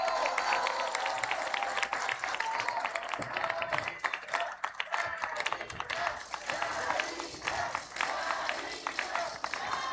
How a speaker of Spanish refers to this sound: ¡Fuerte el aplauso!